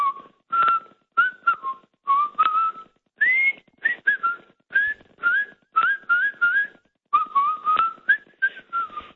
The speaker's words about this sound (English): Hey, your whistling compared to the fellow who rang in before, yours is world class.